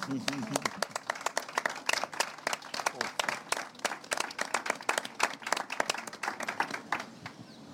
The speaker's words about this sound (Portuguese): Portanto, era uma salva de palmas para os pescadores, faz favor.